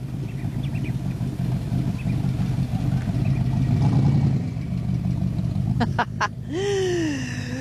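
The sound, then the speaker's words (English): A deep, rumbling car engine idles loudly, with a few sharp clacks before it revs up, its pitch climbing steeply in a rising roar at the end, at a monthly car enthusiasts' gathering on a wharf along the Duck Pond area in the Top End, Northern Territory. “On the first Friday of every month, the car enthusiasts of the Top End gather on one of the wharfs down here along the Duck Pond area, and a little car has just driven past me.”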